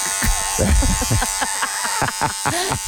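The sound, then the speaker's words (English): Electric hair clippers buzz steadily throughout, a continuous droning hum with a bright edge, while people talk over the sound. “You could just hear the Clippers as you lie on your back start screaming.”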